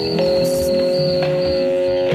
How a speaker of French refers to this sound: C'est des nuages de son qui ressemblent à des nuages de son de moustiques.